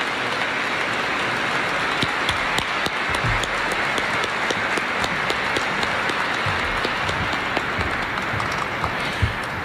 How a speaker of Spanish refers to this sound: La familia le va a hacer un pequeño reconocimiento para agradecerle. Le damos un fuerte aplauso y damos gracias al Señor.